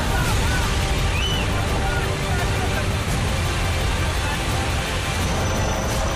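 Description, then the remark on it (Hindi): A loud, steady roar of rushing floodwater after a cloudburst in Kargil, Jammu and Kashmir, sweeping trees and vehicles away, surges continuously from start to finish, powerful, with faint voices briefly audible beneath the torrent. “बादल फटने से यहां पानी का ऐसा उफान आया कि पेड़ और गाड़ियां तिनके की तरह बहती नजर आई।”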